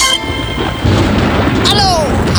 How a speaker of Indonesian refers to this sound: Aduh, gede banget tuh petir. Ih, biasa aja dong. Itu kan cuma petir biasa. Takut sih? Ya gimana gak takut, suaranya besar begitu.